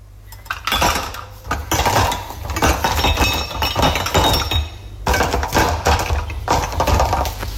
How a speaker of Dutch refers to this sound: Het inladen van de vaatwasser na een feestje gisteravond.